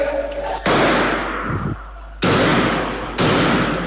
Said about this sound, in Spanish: De acuerdo con el audio al que tuvo acceso la Red ATV y por las imágenes que llegaron a nuestra sala de prensa, se realizaron más de 10 disparos